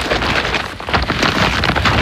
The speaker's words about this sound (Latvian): Dzirdi? Tā skan IKEA iepirkuma maisa ar izpirkšanas precēm.